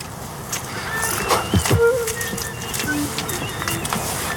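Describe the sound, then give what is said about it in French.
A few faint, thin tit calls sound behind the speaker, brief high notes scattered over steady outdoor background noise, with a low cooing-like murmur. “On entend le cri de la mésange derrière.”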